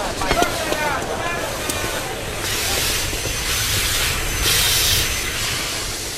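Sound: steam train hissing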